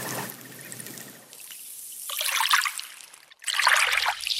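Small waves lap and trickle over pebbles and shells on a stony beach in a sheltered bay near Reykjavik, Iceland, two hissing surges swelling and draining away in a gentle, watery rhythm with no voices.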